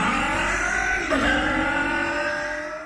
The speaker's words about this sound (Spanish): Para que tu auto suene así, limpia inyectores de Bardal.